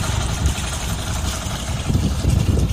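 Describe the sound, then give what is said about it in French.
A boat engine drones steadily on the water, a continuous low rumble with a broad wash of noise that swells slightly toward the end, fairly loud with no voices. “Sur le bateau”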